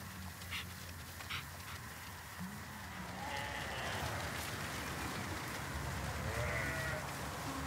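sheep bleating

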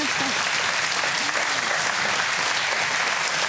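studio audience applause

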